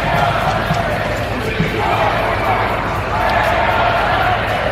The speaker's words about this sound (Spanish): algunos han vuelto a recibir a Pedro Sánchez con abucheos e insultos